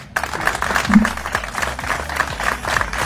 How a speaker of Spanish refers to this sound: Pues aplausos a Adoración Gutiérrez por parte de la Junta Secretaria General de Relaciones de la Asamblea de Extremadura. Pues ahí quedaba ese acto de inauguración.